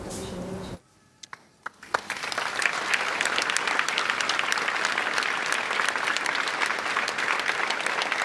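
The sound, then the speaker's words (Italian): After a brief burst of other sound and a short lull, a crowd breaks into sustained, loud applause for the coffin carrying the body of Sofia Barberi, dense clapping that builds within a second and continues steadily to the end. “Guarda, nel momento in cui mi sono con voi, è partito l'applauso dalla comunità editoriale e poi si parla di settimana.”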